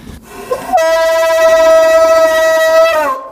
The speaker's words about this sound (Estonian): Seal kõik need udupasunad ja kellad veel kõik, noh, need seda tõmmatakse kogu aeg siin, et see, noh, seda jälle. See on põhiasi, et seal taga on ja need udupasunad. Need on kaks tükki, on siin erinevat.